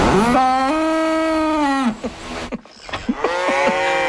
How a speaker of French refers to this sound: C'est une vache en forme